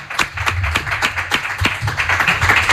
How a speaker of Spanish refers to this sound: Y nada, que os vais a llevar este aplauso ya para bueno, despedir.